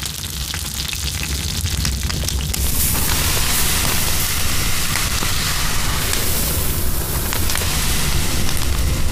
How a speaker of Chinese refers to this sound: 煎到两面金黄的小鱼，放到铺撒着米糠的炭火上方，稻壳噼噼啵啵作响，烟气带走小鱼的水分，香味分子不断附着其上。